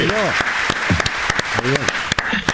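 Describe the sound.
A short burst of scattered clapping for a new joke, sharp irregular claps from a few people, mixed with overlapping excited voices and laughter.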